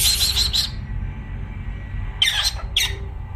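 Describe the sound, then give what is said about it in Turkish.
A pet bird lets out a rapid string of sharp, hissy squawks, then two shorter bursts after a pause, mimicking a 'pss-pss' call to summon a cat. Fairly loud, with no talking. “Bak el alemi kuşu kediyi çağırıyor bak.”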